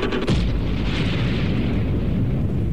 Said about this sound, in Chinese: 1964年，中国第一颗原子弹爆炸成功，举国欢腾，消息立即传遍了全世界。